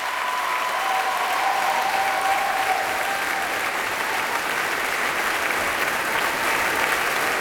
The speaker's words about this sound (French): Et ici, tous les cuivres qui ont été particulièrement gâtés ce soir. Vous voyez que les cuivres sont extrêmement applaudis. Ils ont eu beaucoup à faire.